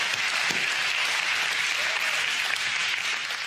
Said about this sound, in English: And in simultaneous chorus, as we are clapping to God in triumph, hell is understanding that they have been defeated by the blood of Christ.